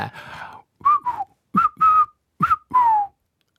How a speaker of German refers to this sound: Okay, wir sind nicht so gut im Pfeifen.